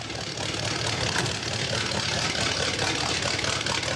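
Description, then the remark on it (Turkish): A car engine idles steadily while warming up, a dense low rumble with a throaty, slightly uneven texture that holds at a constant, fairly loud level for the whole stretch, with no talking. “Motorun rölantide çalışmasını istiyorum.”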